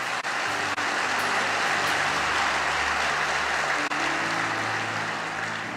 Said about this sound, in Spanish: ¿Sí? ¿Le das aplausos a Él? Amén.